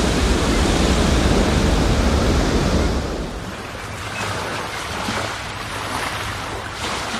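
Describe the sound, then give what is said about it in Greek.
Loud, steady rush of sea waves and running water fills the first few seconds, then eases into a softer, continuous wash of surf with no voices. “Ακούτε θαλασσίτσα και νεράκι.”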